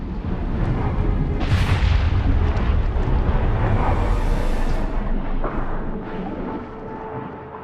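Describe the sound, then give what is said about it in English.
An underwater methane jet shoots upwards from the seabed as a submersible moves slowly past, with a loud, steady, turbulent roar, deep rumble and hissing wash blended together, sustained for several seconds before easing slightly at the end. “The submersible moves slowly past another jet of methane that shoots upwards.”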